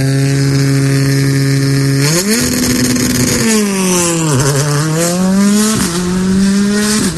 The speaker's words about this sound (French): Avec de beaux retours de flamme. Hein. Franchement, magnifique départ.